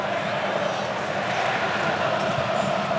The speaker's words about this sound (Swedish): De argentinska supportrarna vrålar på VM-finalarenan för att ingjuta mod och förtroende för sig själva